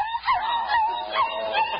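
A small Pekingese dog yaps and whines while being given a bath, a quick run of high-pitched, nasal barks, four or five in under two seconds, with no one talking.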